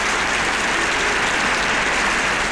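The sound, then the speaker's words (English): Steady, dense applause from an audience at a club night with a band, applauding everybody who came, a continuous crackle of many hands clapping at an even loudness throughout, with no voices standing out. “So let's have some applause for everybody.”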